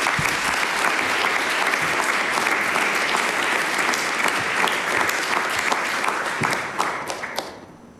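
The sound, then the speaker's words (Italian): Sustained, dense applause from a large audience at a CNA gathering, welcoming a speaker, many hands clapping at a steady loud level before tapering off and fading out near the end. “Quindi io vi chiedo di accogliere con un caloroso applauso”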